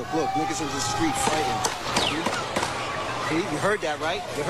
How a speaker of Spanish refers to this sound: hay un montón de vídeos, ha sido grabado por turistas, también cámaras aéreas de seguridad. Ha habido un tiroteo en Times Square. Podemos escuchar el sonido de los disparos.